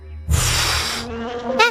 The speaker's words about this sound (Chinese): 是嗡嗡声。 我听到了， 我也听到了。